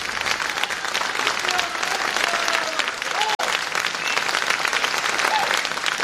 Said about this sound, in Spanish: ¿Aplausos? Pues muchas gracias por los aplausos.